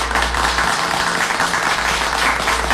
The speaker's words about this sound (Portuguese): Os aplausos, os aplausos, os aplausos. Os aplausos.